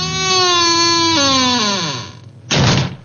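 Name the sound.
bedroom door being opened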